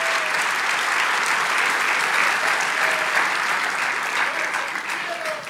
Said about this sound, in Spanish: Vamos, dale ese aplauso a Jesús en esta noche, en el nombre poderoso de Jesús.